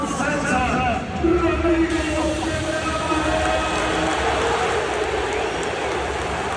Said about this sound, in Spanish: Al final, Capel llega eligiendo al Barça por delante del Madrid, y eso sí cabe, hace que la gente aplauda con un poquito más de fuerza, ¿no?